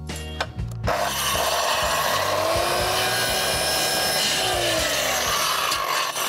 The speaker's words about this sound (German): Wenn du noch einmal so nah an die Säge greifst, während die noch läuft, ne, dann hau ich dir in die Fresse. Da sind sofort die Finger ab.